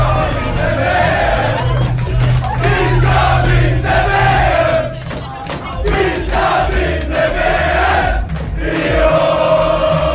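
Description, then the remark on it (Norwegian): A large crowd of football supporters cheers and chants together in a loud, continuous roar, with rising and falling sung phrases and shouts throughout, celebrating Norway's win over Brazil to reach the football World Cup quarterfinal. “Supporterne jublet og sang og klemte hverandre etter den historiske seieren.”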